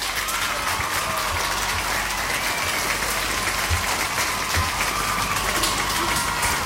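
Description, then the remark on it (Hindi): Steady applause from a crowd fills the whole stretch, a dense, continuous patter of many hands clapping at a constant level with no voices on top. It is played on Radio Olive 106.3 FM for listeners who correctly answered a FIFA World Cup quiz question. “और सही जवाब दिया आप लोगों ने, तो तालियां भाई आप सभी के लिए यहां पे।”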